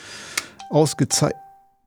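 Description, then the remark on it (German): A radio presenter's mobile phone rings briefly during a music programme: a steady electronic tone holds for about a second beneath a short, choppy burst of voice-like sound, then fades into silence. “Was war das? Mein Telefon. Habe ich das nicht auf leise gestellt?”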